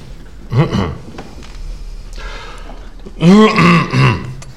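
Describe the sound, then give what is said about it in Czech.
Someone clears their throat with gruff, rasping coughs: a short burst first, then after a pause a longer, louder round of throaty hacking over faint background noise. “Promiňte, nemůžu vypnout kašlátko, nejsem hlasatelně.”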